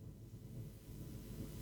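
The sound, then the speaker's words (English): Heavy rain pounds the roof of a studio in a dense, steady rumble, a continuous low drumming with no breaks and no voices, heard from inside. “Well, boy, it's raining heavily down here. I'm in a studio and it's just thundering on the roof.”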